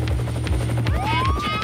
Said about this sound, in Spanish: vamos a aterrizar el helicóptero de búsqueda